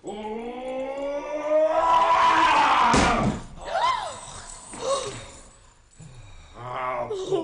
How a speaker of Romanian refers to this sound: Lasă-mă să zdrobesc ușa cu o lovitură de pumn!